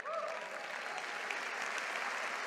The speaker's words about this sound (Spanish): Vamos, si le va a aplaudir, dele fuerte ese aplauso.